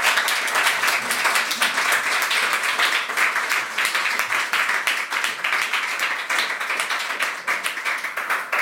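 An audience applauds steadily for the full stretch, a dense, even wash of many hands clapping at a constant loud level without pause or voices over it.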